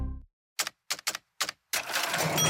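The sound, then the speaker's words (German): Four sharp mechanical clacks in a quick, uneven rhythm, like cash register keys being punched, followed by a loud, bright ka-ching ring that sustains and shimmers to the end. “Katsching!”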